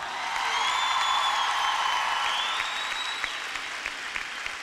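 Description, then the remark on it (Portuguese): A crowd applauds steadily and loudly for several seconds, dense clapping filling the space, with a few faint whistles or cheers riding over the top. “Uma salva de palmas para estes anjos, pessoal!”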